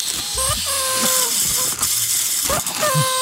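Cheap paper party blowout whistles for 17 May, each blowing out a paper strip, toot in several short, reedy bursts, their thin pitches wobbling and overlapping over a steady breathy hiss, fairly loud throughout.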